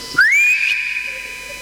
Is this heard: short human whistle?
yes